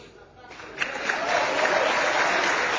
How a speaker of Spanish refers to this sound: Bueno, el aplauso unánime, muy merecido, por cierto, para la figura de Franco Armani, que es un arquero leyenda.